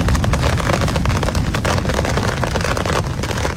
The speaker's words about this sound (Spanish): pero también que en la portada les advertimos de las tormentas de verano, unas tormentas de granizo, por ejemplo, que ayer dejaban este sonido en Sierra Mágina, en localidades como Cambil.